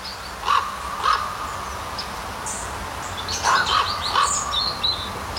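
A common raven calls repeatedly outdoors near Lochem, its hoarse notes alternating between two tones, a pair early on, then a quicker cluster of three, with faint chirping birds in the background.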